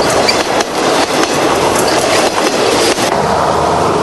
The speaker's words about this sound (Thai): เป็นเวลาหลายนาทีกว่ารถไฟจะข้ามพ้นสะพานแห่งนี